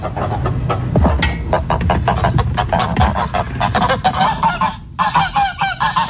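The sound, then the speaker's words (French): A flock of geese honking loudly and continuously, many overlapping nasal calls crowding together, with a brief lull near the end before the honking resumes. “Alors, je pensais à des oies.”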